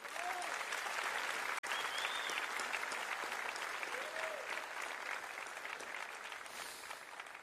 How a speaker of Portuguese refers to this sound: por uma banda formidável que está voltando. Os aplausos para a banda.